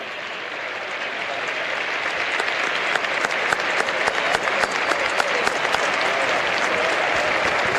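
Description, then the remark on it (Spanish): A large stadium crowd at a Boca football match applauds steadily for several seconds in memory of Jorge Messi, father of Lionel Messi, after a minute of silence. It is a dense, even wash of clapping that swells slightly and holds, with no voices standing out. “Hay un aplauso respetuoso en todo el estadio para la memoria de Jorge Messi, el padre de Lionel.”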